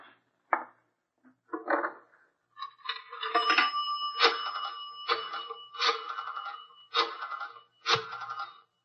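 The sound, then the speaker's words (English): A few sharp clicks, then a telephone in Nick Carter's office rings in rapid repeated bursts, loud, with a metallic bell-like buzz and no voices. “I'm going to make a phone call.”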